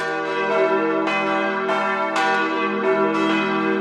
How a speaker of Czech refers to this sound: Vážíme si naší památky a takže jsme si sem nenechali dát elektrické ovládání, sice by to bylo pohodlné, ale my se rádi scházíme, takže máme 5 skupinek, které se střídají a pravidelně v neděli a ve svátky se tady zvoní v poledne.